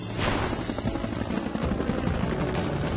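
A helicopter flown by Skye roars steadily through the night sky, heading out over the sea, its rotor producing a dense, continuous low-frequency thrum with a rushing whoosh. The sound stays loud for the whole stretch, with no voices.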